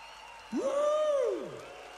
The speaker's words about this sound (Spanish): ¡Fuerte el aplauso para el maestro!